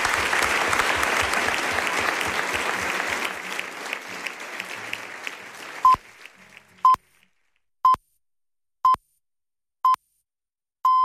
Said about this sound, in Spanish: Muchísimas gracias a los cuatro. Un aplauso enorme para vosotros.